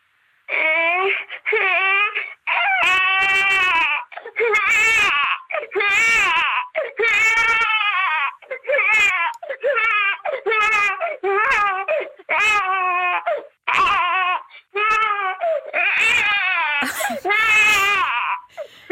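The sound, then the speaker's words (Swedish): A voice imitates a crying baby, loud, with repeated wailing sobs in short bursts and brief gasping pauses between them, continuing steadily throughout. “Man vill ju bara gå och lyfta upp den där bebisen.”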